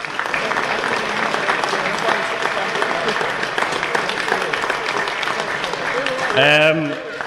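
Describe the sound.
Sustained audience applause, a dense steady clatter of many hands clapping for several seconds, with a voice cutting in briefly near the end.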